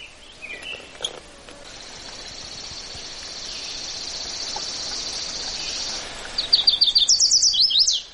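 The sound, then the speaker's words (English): A chestnut-sided warbler, perched in a wild cherry tree right overhead, sings a bright, rapid run of high, sweet notes near the end, rising in emphasis, over a steady high-pitched insect drone outdoors. “There's a bird right overhead in a cherry tree, wild cherry tree, singing. It's a chestnut-sided warbler.”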